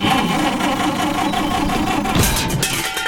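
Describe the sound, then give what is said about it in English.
A car engine runs loudly and continuously, its rough, labored drone holding steady with a brief sputtering shift partway through. No one speaks. “Got trouble with the car?”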